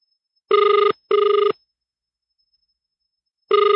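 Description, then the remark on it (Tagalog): A cellphone rings during an on-air call to Mayor Pablo Janjan's cellphone, in a double-burst pattern: two short buzzing rings close together, a pause of about two seconds, then the next ring begins. Steady and clear, with no voices. “Nagring imo cellphone.”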